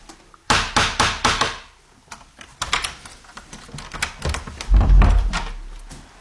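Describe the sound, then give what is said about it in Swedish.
A quick series of sharp metallic raps from a small door knocker on a door leading out of a meditation room, several close together in bursts, loud, followed by softer taps and a dull thud as a door moves. “Så innan man går ut genom den här dörren så ska man knacka. Då via den här lilla dörrknackaren för att man inte ska överrumpla den som sitter där ute.”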